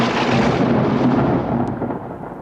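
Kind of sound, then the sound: nature, rumbling thunder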